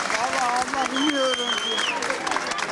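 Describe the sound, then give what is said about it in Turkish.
Steady applause from families greeting students at the end of a two-hour-45-minute exam, a dense wash of clapping that holds at an even loudness throughout, with excited voices and cheers rising over it. “İki saat 45 dakika süren sınavın sonunda aileleri öğrencileri alkışlarla karşıladı.”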